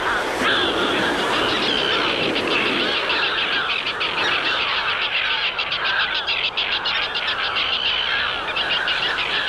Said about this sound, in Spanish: Estas son las dos especies que oiremos sobre las olas. La gaviota de Odowin. Y ahora escucharemos al charrán común.